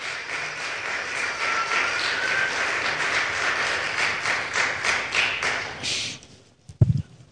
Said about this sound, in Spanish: Yo me alegro, dele ese aplauso por favor.